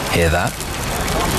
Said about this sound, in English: That's the sound of traditionally mature, rich, smoky and spiced pepperoni sizzling away, taking pride of place on a Papa John's pizza.